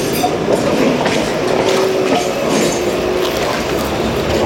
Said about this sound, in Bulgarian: Трамвая!